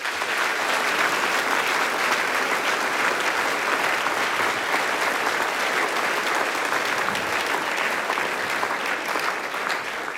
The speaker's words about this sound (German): Begrüßen wir es herzlich mit einem Applaus.